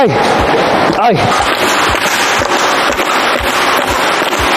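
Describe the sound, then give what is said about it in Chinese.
Repeated dull thumps of feet kicking an installed glass panel fitted with closed-type pressure strips to test whether it can be kicked out, about eight heavy blows in a fairly steady rhythm, over a loud, constant background of noise and talking. “现在是装好这个闭口压线的玻璃了啊， 现在踹一下， 现在我就上脚试一下。”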